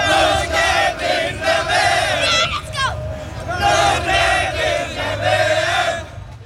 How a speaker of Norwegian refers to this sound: Det er ikke bare norske fans i USA som feiret seieren. Over hele Norge var folk ute i gatene og jublet over Norges historiske VM-åpning.